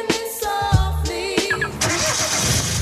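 A car engine cranks over in a few quick bursts, then catches and settles into a steady rumble that carries on to the end.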